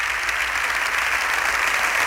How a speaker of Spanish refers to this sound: Se levanta toda la bancada del PP, aplaudiendo a Borja Semper. Ya les decíamos que era la primera de las intervenciones tras haber superado su enfermedad.